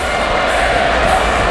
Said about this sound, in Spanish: El grito de torero, torero. En la monumental Frascuelo, que también tiene una real maestranza.